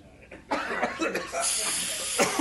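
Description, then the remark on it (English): DDT insecticide being sprayed onto a blanket: after a brief quiet moment, a loud airy hiss starts in short pulsing bursts, then runs as a steady stream, ending with one more quick puff. “I'm spraying my blanket with DDT.”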